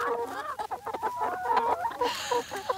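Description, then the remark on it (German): Several hens on a grass pasture by a mobile henhouse cluck in a busy, overlapping stream of short calls, with quick sharp taps of pecking scattered between them. No one speaks. “Mensch, euch geht's gut, aber ihr pickt ganz schön zu.”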